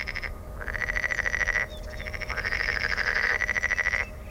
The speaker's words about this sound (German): Diesmal haben wir den Teichfrosch oder Wasserfrosch vor uns. Das ist eine Art, die wohl auch nachts quakt, aber auch bei Tag, vor allen Dingen bei Sonnenschein, sich sehr laut hören lässt.